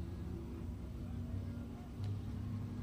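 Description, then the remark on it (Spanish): A race car engine idles along in a steady, low rumbling drone, swelling slightly louder partway through as it rolls past on the honor lap after Viega's win in a Zonal series heat. “Bueno, ahí está la vuelta de honor para Viega, para Vir.”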